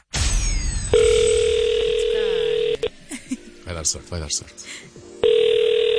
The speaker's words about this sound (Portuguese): Como é que é possível não estar atento ao telefone às 9:15 da manhã de uma quarta-feira? Mas aconteceu.